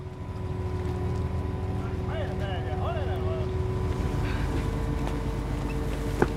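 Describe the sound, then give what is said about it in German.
A boat fully loaded with mussels heads back through a fjord, its engine droning steadily throughout, a low continuous rumble with a faint tonal hum, while brief chirpy bird-like calls rise briefly in the middle. “Nach gut 6 Stunden ist das Boot voll beladen und es geht zurück.”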